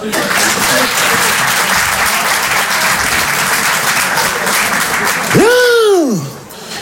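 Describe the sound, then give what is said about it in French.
Steady applause from an audience for about five seconds, given in answer to the question of who has already read Racine; then a rising-and-falling whistle-like vocal sweep cuts in as the clapping fades. “Généralement, c'est le moment où je demande, je pose une question assez simple, par applaudissement, qui a déjà lu du Racine ?”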